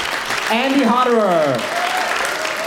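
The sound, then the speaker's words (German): An audience claps steadily in a dense, even wash of applause, with a single voice whooping in a rising and falling cheer over it partway through. “Applaus, vor allem aber die Interaktion mit dem Publikum, gehören für den gebürtigen Österreicher zum Musizieren einfach dazu.”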